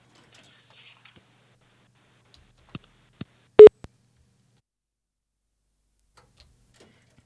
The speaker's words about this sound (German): So, der Kassettenrekorder klackert und vielleicht hören wir schon gleich Musik. Vielleicht auch nicht. Es klackert.